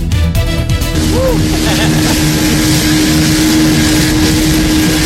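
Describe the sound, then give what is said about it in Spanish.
A motorboat engine drones steadily and loudly throughout on Lake Ilopango at the Apulo recreational park, with constant wind and water rush; faint voices with rising and falling pitch are heard briefly early on beneath the engine. “Pasear en lancha en el lago de Ilopango es parte de la diversión, un viaje de recreo que nacionales y extranjeros disfrutan al visitar el parque recreativo Apulo.”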